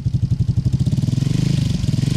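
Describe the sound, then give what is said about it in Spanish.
A motorcycle engine idles, its low, steady pulsing putter throbbing rapidly and evenly, growing slightly faster and smoother toward the end, with no voices. “¿Quién llega? ¿Quién llega? Ah. La moto.”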